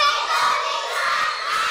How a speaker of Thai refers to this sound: เด็กๆคะแค่ดังไม่ต้องตะโกนได้ไหมคะขอใหม่นะคะ